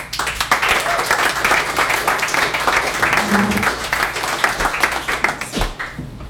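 A crowd applauds with dense, steady clapping for about six seconds, loud and sustained before thinning out at the end, with a faint murmur of voices underneath.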